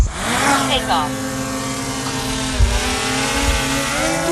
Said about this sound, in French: Le petit drone est posé au sol, il s'envole vers le ciel.